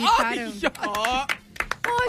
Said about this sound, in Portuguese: Tu tá batendo palmas.